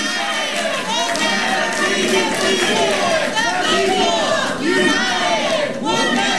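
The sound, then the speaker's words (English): A crowd chanting together in the Charlotte government center after the Charlotte City Council voted to approve a moratorium on new data centers, many raised voices shouting in unison, loud and steady throughout with no pauses. “After the vote, the crowd in the government center began chanting.”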